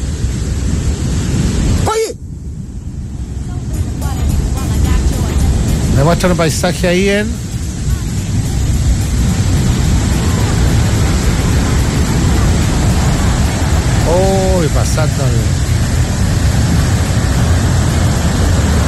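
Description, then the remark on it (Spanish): A heavy, continuous roar of a river of mud rushing downhill in Alto del Carmen, third region, with no rain falling, fills the whole recording while a person talks excitedly over it. “Un río de barro, esto es en, atención, en Alto del Carmen, tercera región.”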